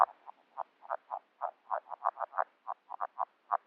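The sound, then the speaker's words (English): A dense run of soft, low croaking calls from several red-legged frogs in a breeding chorus. They were recorded underwater with a hydrophone in a half-frozen wetland in February. The calls repeat in quick, uneven pulses with a muffled underwater quality, and no voices are present. “A chorus of randy red-legged frogs, recorded with a hydrophone during their breeding season in February in a half-frozen wetland that I helped to restore a couple of years back.”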